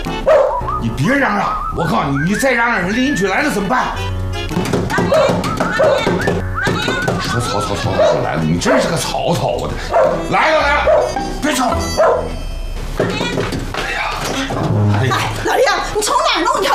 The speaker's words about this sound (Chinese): 你看，这都半夜11点了，一直叫，一直叫的啊！你说，哎呀，我妈刚躺下啊，这就被狗叫声给吵醒了，您知道。